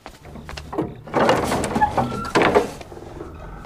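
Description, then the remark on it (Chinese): A door slides open with a rumbling, scraping rush of noise in two surges, the second shorter, fading into quiet room tone. “刘主播，开门呐！”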